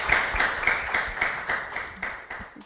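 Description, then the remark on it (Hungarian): An audience applauds to thank a guest for a testimony, with steady, fairly even clapping at moderate loudness, gradually fading over a few seconds. No one speaks. “Hát nagyon szépen köszönjük a tanúságtételedet, és egy tapssal köszönjük meg.”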